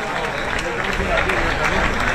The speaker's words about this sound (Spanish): Dicen los que controlan el aplausómetro de Génova que esta mañana ha habido menos aplausos y menos vítores que en elecciones anteriores.